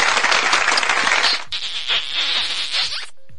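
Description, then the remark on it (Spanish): A loud, dense burst of applause with many hands clapping at once, lasting about three seconds with a brief dip in the middle before cutting off abruptly. No one speaks. “Saludos, aplausos y besos, por favor.”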